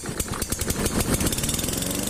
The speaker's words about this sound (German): Der Rasenmäher. Sein Einsatz sorgt stets für Lärm und unterschiedsloses Kürzen. Von Gras meistens.